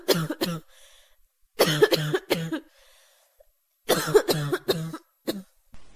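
Three bursts of harsh, hacking coughs, each a rapid cluster of two or three sharp expulsions, separated by brief pauses. Close and fairly loud, with no talking.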